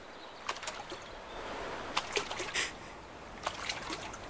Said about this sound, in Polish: Chlub do wody.